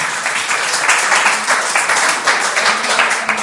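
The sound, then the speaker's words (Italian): Steady, dense applause from a crowd, many hands clapping at once in a continuous loud wash of sound with slight swells, lasting a few seconds without any talking. “Viva i centri di aggregazione. Applausi.”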